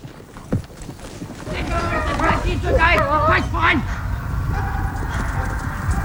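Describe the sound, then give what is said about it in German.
A border security post's service dog, set on border violators, barks in a quick cluster of sharp, repeated barks midway through, over a steady rumbling background noise. “Doch ist der Sicherungsposten gezwungen, den Diensthund einzusetzen.”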